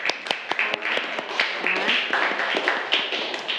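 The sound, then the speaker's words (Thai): Students in a class clap for a group of classmates after their presentation, a dense patter of many hands with sharper individual claps standing out, fairly loud and steady before it starts to thin. “โอเคเก่งมากนะคะปรบมือเพื่อนหน่อยเร็ว”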